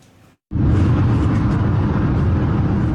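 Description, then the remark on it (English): After a brief near-silent moment, loud traffic roars in on Highway 78 in the Ottawa Street area of Kitchener, Ontario, a steady, dense rumble of passing vehicles with no voices, continuing without a break, as an e-scooter rider weaves in and out of traffic at excessive speed. “An e-scooter rider weaving in and out of traffic on Highway 78 in the Ottawa Street area of Kitchener.”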